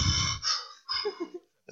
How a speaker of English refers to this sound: We started out with a breather. Do you know what a breather is? No. Oh, and someone calls and just breathing on the phone. You're just hearing them breathing.